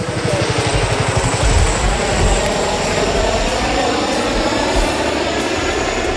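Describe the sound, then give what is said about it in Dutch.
Loud, steady roar of Chinook helicopters passing overhead, carrying large bags of water to fight a wildfire, with a deep rhythmic rotor thumping and broad engine rumble filling the whole stretch, and no voices. “Ja, en de Chinook-helikopters die zien we daar ook allemaal door de lucht heen vliegen.”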